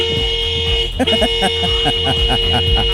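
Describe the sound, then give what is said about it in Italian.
A car horn blares in one long, unbroken buzzy tone that holds steady for the whole few seconds, while a voice talks over it from about a second in. “Così dovremmo fare una puntata tutta dedicata ai suoni di clacson che ci sono in giro per l'Italia.”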